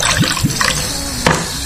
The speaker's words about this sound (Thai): ไม่ได้ใส่น้ำแข็งนะฮะก็เลยเขย่าไม่ได้ยินเสียงนี่นะเติมโซจูมาแล้วหนึ่งนะฮะโซจูโซจึ้งนะครับ